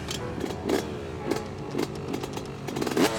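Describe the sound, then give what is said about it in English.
A two-stroke motorcycle engine buzzes steadily, its high, raspy whine rising in short repeated bursts as the throttle is blipped. No one speaks. “A two-stroke has that typical buzzing sound.”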